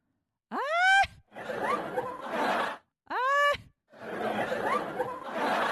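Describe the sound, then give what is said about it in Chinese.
A voice imitates an aunt's snoring in the middle of the night twice: each cycle opens with a short, high, rising whine, then a long raspy, breathy rattle. The sounds are fairly loud, with no talking. “后来我认真一听，我说啊，我四姨打呼了，他咋打的？他这么打的？”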